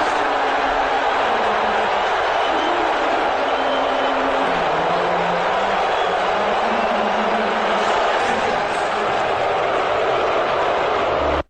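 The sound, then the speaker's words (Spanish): A huge arena crowd at Madison Square Garden in New York boos Donald Trump loudly and continuously for about eleven seconds during an NBA Finals game, a dense roar of low, drawn-out voices with no break until it cuts off abruptly. “si le atormenta la idea de recibir un abucheo, tiene que saber que 11 segundos de abucheo en el Madison Square Garden es algo así.”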